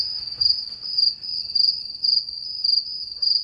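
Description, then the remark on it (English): Crickets chirp in a steady, high trill that swells in regular pulses about twice a second, fairly loud over a faint low background hum, with no voices. “So 370 billion crickets are farmed for food every year.”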